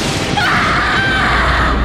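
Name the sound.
thunder clap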